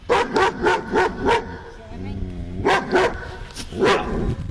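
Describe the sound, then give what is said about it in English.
Several dogs, among them a German Shepherd and a Poodle, bark in quick bursts, a rapid run of sharp barks followed by a low growling whine, then more loud barks spaced apart; the barks are played for the radio guessing game Name That Dog Bark. “And when you call, we'll give you a chance to hear those individual dogs barking again, because you want to guess which one is the German”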